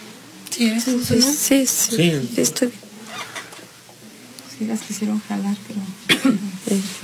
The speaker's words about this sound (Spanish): Me sentí mal. No sé, algo. Una tos muy fuerte, no sé.